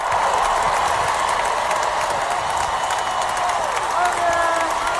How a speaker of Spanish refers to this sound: Aquí la gente dirá, vale, esta no es un aplauso normal, no, ni son los Javis.